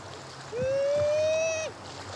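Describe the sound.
A man at a beach gives one long, sustained, rising wail imitating a mother sea lion's call for a sea lion in his care, a strong tonal howl held for about a second over faint water and background noise.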